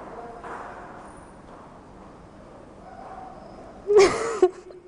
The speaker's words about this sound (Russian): В музее никого не должно быть, я не знаю, откуда эти страшные женские шаги.